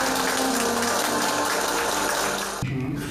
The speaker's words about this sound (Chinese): 在七一勋章获得者马善祥扎根服务的两江新区观音桥街道，党员干部聚在一起收看直播。当画面中出现总书记亲切会见、颁授勋章给老马善祥时，现场响起热烈的掌声。